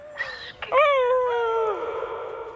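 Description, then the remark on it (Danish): A person howls like a wolf at a sound installation in Spektrumparken, Esbjerg, where people can be wolves for a while: a short opening cry, then a loud, sustained wavering tone that slides downward and breaks into a breathy trailing fade, with no talking. “Ja, på det brøl forlader vi reportagen her i Spektrumparken i Esbjerg, hvor vores reporter”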